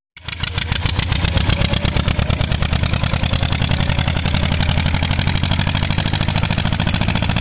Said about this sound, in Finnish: Tällaista traktorin pärinää saatiin WhatsAppiin.